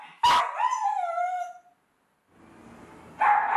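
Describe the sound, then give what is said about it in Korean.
An anxious pet dog named Bobtong barks loudly indoors at home at over 100 dB, about as loud as a car horn, the first sharp bark stretching into a long, falling cry before a short quiet gap, then another loud bark bursts in at the end. No voices. “얘 왜 이렇게 목청이 좋은 거야?”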